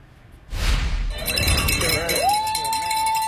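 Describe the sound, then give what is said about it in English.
Bells ring out with bright metallic clanging over a noisy crowd with murmuring voices, and a steady ringing tone lingers through the second half, at a street-sign dedication in East Baltimore, Maryland, honoring a basketball coach. “The bells ring in recognition of educational lessons learned as this man is recognized for his perseverance, coaching, and ability to get students to focus on their schoolwork and their lives.”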